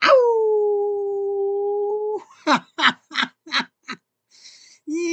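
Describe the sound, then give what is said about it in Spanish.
A wolf gives a long, steady howl lasting about two seconds, then five sharp, dog-like yips in quick succession, and a low howl starts again at the end. “Pareció perro, pero no es perro, es lobo.”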